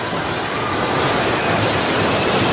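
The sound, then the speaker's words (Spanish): A steady, loud roaring rumble of the airport building in Pereira collapsing during an earthquake as its roof caves in, a dense wash of noise that holds without breaks for a couple of seconds, with no voices. “El ruido que empieza a derrumbarse.”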